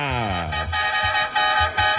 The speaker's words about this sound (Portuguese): Cadê a buzina aí, produção? Chama na buzina, galera, pra acordar. Pra galera acordar cedo, tão cheio de compromisso, produção. Tem que chamar na buzina, meu irmão, tem que chamar.